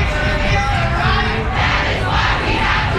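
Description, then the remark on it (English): A large protest crowd marching through downtown Raleigh yells and chants in a continuous, loud roar, many voices blending into a dense wall of shouting that never lets up across the few seconds. “After several speakers highlighted issues of underfunding, the massive crowd marched through downtown Raleigh.”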